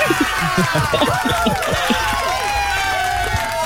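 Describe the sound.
A crowd applauds steadily throughout, a dense wash of clapping mixed with shouts, whoops and cheering voices that rise and fall over the sustained noise.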